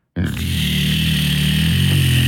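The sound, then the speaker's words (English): An electric handheld device, like a rotary shaver, with about ten small round blade heads, switches on abruptly and holds a loud, steady motorized buzz with a low droning hum and a harsh, rattly edge, with no talking. “And then it's got little round things where the blades are exactly at. Like the old like Norelco shaver.”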